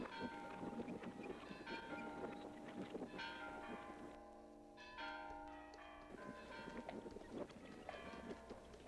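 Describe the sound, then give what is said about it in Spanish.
Church bells in Juchipila peal in a lively, joyful, irregular clang, several strikes overlapping with long ringing tones, fairly loud, with no voices. “Por fin, los hombres de Demetrio entraron a las calles de Juchipila, cuando las campanas de la iglesia repicaban alegres, con ese repicar que hacía palpitar de emoción a toda la gente de los cañones.”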